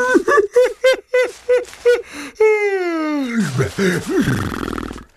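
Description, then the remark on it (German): A long, drawn-out voiced yawn slides downward in pitch and trails into breathy murmurs, fairly loud, following a quick run of short vocal sounds. “Und gähnt wieder.”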